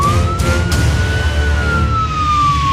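A police siren wails loudly, its tone rising and falling in one slow sweep over a low rumble of traffic, with no voices.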